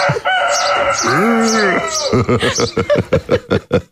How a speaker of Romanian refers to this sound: Asta e cocoșul despre care vorbeam ieri în ședință? Da.